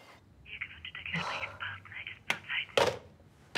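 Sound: mobile phone ringing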